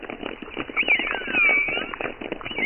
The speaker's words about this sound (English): Yes, minke whales sound like plucked strings. I've got some choruses which are interspersed with orca whistles.